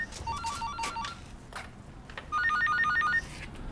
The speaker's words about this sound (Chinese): 电话来了。